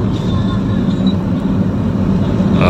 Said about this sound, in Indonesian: Kok bisa truk tronton segede gaban gitu lewat Pandanaran jam segini dan lewat depan pos dishub pula?